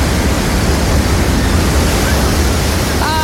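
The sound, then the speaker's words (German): A steady, loud wash of surf, broad and continuous like waves rolling onto a beach, with no voices, filling the whole short stretch without pause. “wir sind nicht rausgezogen ans Meer. Nein, leider nicht. Aber es ist doch wunderschön, das zu hören.”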